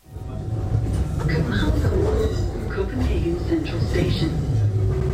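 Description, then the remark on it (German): Steady rumble inside a moving S-Bahn commuter train in Copenhagen, running in the morning from Copenhagen South towards the central station, a continuous low roar of wheels and carriage with indistinct voices murmuring faintly in the background throughout. “Als ich am nächsten Morgen dann in Kopenhagen Süd ankomme, nehme ich erstmal die S-Bahn, um zum Hauptbahnhof zu kommen.”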